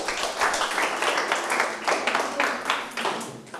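A group of students in a Thai grammar class claps together for a classmate in a dense, steady burst of applause lasting a few seconds, with a bright, crackling texture that gradually thins out toward the end.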